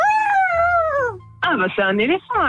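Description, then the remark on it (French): A person's voice imitates an elephant's trumpet: a long, high, wavering wail that slides downward, followed by a short run of rough, stuttering cries, loud and alone. “Ah bah c'est un éléphant alors.”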